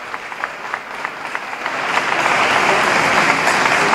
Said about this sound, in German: die Ankunft von Papst Leo viel Jubel von den wartenden Gläubigen, und auch hier in der Kathedrale wird er nun mit freundlichem Applaus begrüßt